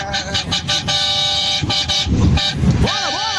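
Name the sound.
car horns honking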